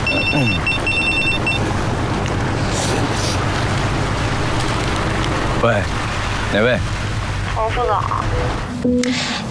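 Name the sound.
telephone ringing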